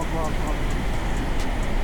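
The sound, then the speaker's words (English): Heavy trucks start moving and rumble in a steady, continuous low drone, with a faint, regular ticking sound repeating over the engine noise. “Here we go, trucks are moving.”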